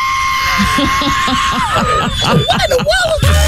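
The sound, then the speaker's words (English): A man's voice imitates the screech-whistle of a plane that flew past his house: a loud, sustained screeching whistle that wavers and swoops in pitch over a few seconds, with rough, breathy pulses underneath. “He actually heard the plane as it was flying past his house, but he didn't know what it was.”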